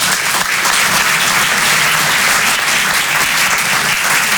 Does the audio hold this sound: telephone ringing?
no